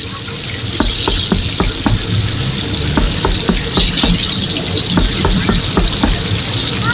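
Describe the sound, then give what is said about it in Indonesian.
Steady hissing sizzle of kerupuk crackers frying in hot oil, with sharp little pops and clicks scattered irregularly throughout, fairly loud, no voices. “Kalau ada yang bagian goreng kerupuk ya, Bu.”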